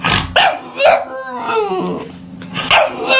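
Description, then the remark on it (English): A dog barks several times in quick, uneven bursts, loud, with a rough, growly edge between the barks and no talking; an adoptable rescue dog at the NHL's Stanley Pup, an annual event of 32 rescue dogs representing NHL teams. “It's an annual friendly event featuring 32 adoptable rescue dogs representing each NHL team as they search for forever homes.”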